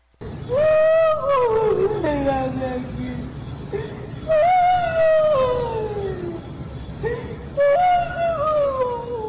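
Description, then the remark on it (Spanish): A loud, harrowing wailing cry rises and slowly falls in pitch, repeated three times in long drawn-out howls, piercing, with no talking over it. “Un llanto sumamente fuerte, desgarrador.”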